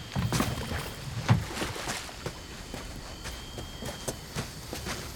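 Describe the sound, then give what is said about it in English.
A small boat nudges into shallow water to be tied up in the shade, with soft wooden knocks and light splashes over a steady watery hiss, one heavier thump early on, no voices. “I'd rather you tie this boat up and us both go together.”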